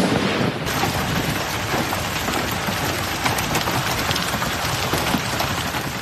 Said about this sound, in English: You hear that? You see that? Those are hailstones as big as half dollars hammering a car parked on the street in Colorado Springs, Colorado yesterday.